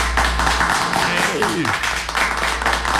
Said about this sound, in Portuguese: Os aplausos pra toda a equipe da Madeireira Brasil.